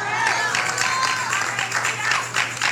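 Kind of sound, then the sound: crowd, audience clapping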